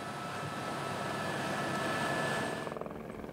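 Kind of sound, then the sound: vehicle, helicopter flying overhead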